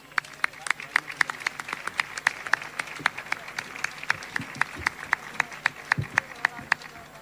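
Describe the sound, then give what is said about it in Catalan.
A concert audience applauds as a singer and a pianist are called up, with steady, fairly regular claps, about three or four sharp cracks each second, at moderate loudness over a soft murmur that lasts the whole time. “Un aplaudiment.”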